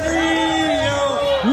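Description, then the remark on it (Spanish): A crowd in the streets of Wales chants "Lío" loudly, celebrating Argentina's victory, voices holding one long, steady sung note that swoops upward at the end, with dense background noise beneath. “¡Lío! Gritando lío.”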